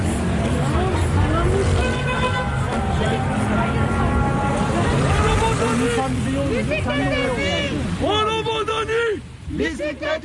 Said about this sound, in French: Alors là, on arrive dans la circulation.